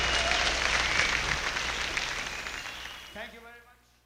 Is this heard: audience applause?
yes